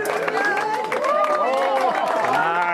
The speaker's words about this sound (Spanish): Són els aplaudiments i els crits d'emoció de la gent al cim de Monte Toro en el moment de totalitat. Des del punt més alt de Menorca, prop de 300 persones han viscut un eclipsi històric.